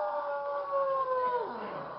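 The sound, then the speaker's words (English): A hungry wolf gives a long, sustained howl at night that holds a steady pitch, then slides downward near the end, sounding mournful, with no voices. “That one doesn't sound like he just finished eating at Lindy's, does he?”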